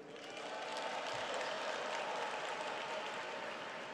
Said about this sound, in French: E ils applaudissent, ils sont nombreux.